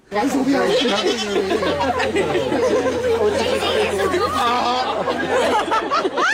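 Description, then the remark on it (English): Goats bleat, their wavering cries overlapping with a busy crowd of people chattering and laughing, loud and continuous throughout, as the goats crowd around Prince Harry lying down. “Well, Harry was then invited to lie down so the goats could get a little closer, and they certainly did that.”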